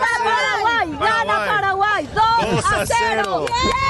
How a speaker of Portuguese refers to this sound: Essa é a torcida do Paraguai.